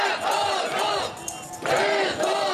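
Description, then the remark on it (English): A large crowd of demonstrators in Kyiv, gathered on Sunday to demand the reinstatement of former Defence Minister Mykhailo Fedorov, chants loudly in unison, their voices rising and falling in a steady rhythmic pattern, with a brief lull midway before the chant surges back. “Meanwhile, a large group of demonstrators gathered in Kyiv on Sunday to demand the reinstatement of former Defence Minister Mykhailo Fedorov, who was dumped from his role last month.”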